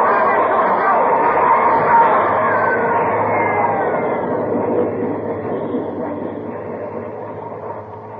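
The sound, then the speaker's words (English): A loud, continuous rushing roar of an underground train coming through a subway tunnel, with a metallic squeal rising briefly near the start and a babble of voices mixed underneath before it gradually eases. “He's trapped, Ben. There's a train coming through.”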